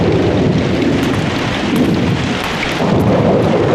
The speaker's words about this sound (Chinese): 外面在下雨